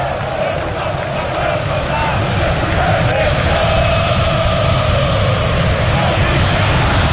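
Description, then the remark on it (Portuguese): A huge stadium crowd of Corinthians football fans at Itaquera shouts and chants in unison in protest, dissatisfied with the team's campaign after its Copa do Brasil elimination, a dense, steady roar that stays loud and unbroken throughout with no single voice standing out. “Grito a torcida do Corinthians em Itaquera, é claro, insatisfeita com a campanha da equipe, eliminada depois de duas qualificatórias, cai para o Internacional no placar agregado de 3-2.”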